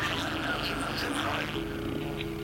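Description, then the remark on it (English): A steady, resonant low hum drones without a break from inside a hollow object, sounding hollow and boxed-in, with a faint airy hiss layered over it. No one speaks. “The curious humming sound that seems to come from inside the object.”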